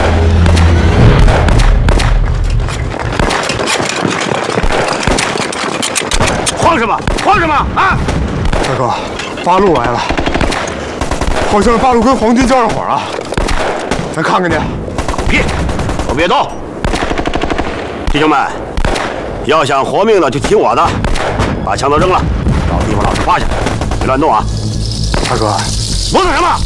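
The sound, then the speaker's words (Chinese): Sustained, loud gunfire from a firefight involving the Eighth Route Army: rapid crackling bursts and overlapping shots fill the whole stretch without pause, with shouting voices rising over the din at times. “大哥，八路来了，好像是八路跟黄金交上火了。”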